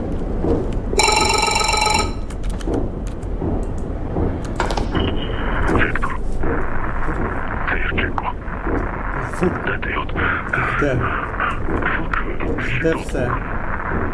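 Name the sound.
telephone ringing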